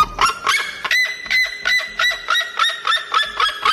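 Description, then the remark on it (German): A red-legged seriema calls in a loud, rapid series of harsh, yelping honks, each note strongly harmonic and repeated in a steady rhythm with no speech. “So hört sich der Rotfuß-Seriema übrigens an.”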